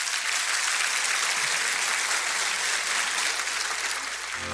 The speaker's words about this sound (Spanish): Dele un buen aplauso.